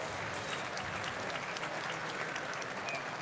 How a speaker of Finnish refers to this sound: Annetaan aplodit voittajalle.